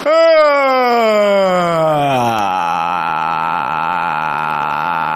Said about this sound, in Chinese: 我 不是打哈欠会不会、啊？ 打哈欠会啊！ 打哈欠， 打哈欠是吧？ 啊， 找那音是吧？ 你尾音长一点。